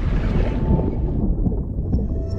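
Thousands of herring swimming beneath a boat at a fishing trap, recorded underwater through a hydrophone: a dense, steady low rumbling wash with faint scattered ticks and crackles, continuous throughout and with no voices.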